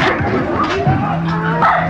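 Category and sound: animal, dogs barking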